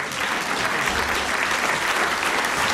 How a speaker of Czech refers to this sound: A do toho potlesku vydržte s tím potleskem, protože takhle bouří hala a do toho vchází mistři České republiky a vchází náš reprezentant, chlap jako hora, skvělý člověk,